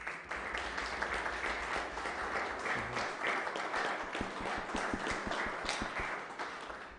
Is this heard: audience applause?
yes